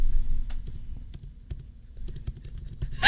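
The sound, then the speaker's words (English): Rapid, irregular clicks made with the mouth and teeth mimic someone typing on a computer keyboard, with crisp taps in uneven bursts over a low background rumble. “And then I realized I could make a keyboard sound with my like teeth and my mouse.”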